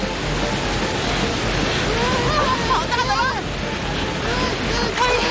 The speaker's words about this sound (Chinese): 这是个可以制造波浪的控制台呀。启动。